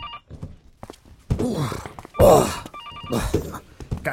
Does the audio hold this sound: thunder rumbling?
no